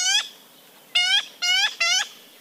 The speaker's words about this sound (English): Yellow-billed magpies are clever, colorful birds, and they're only found in central California. Like their crow and jay cousins, these Golden State corvids are full of character.